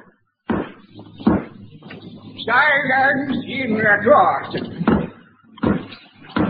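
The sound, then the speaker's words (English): A hammer bangs several times during a court hearing in sharp, loud, irregular knocks, two near the start and two more near the end, with a voice speaking in between. “For the last time, will whoever's banging that hammer, please stop it.”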